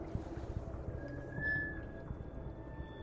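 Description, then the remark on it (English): Water laps steadily against a drum boat's hull, a constant run of soft, irregular knocks and slaps, with a faint steady whine running through the middle, heard with an ear pressed against the surface. “In a fetal position, my ear is right against the surface. I hear a constant lapping. The sound wumbles through the drum boat.”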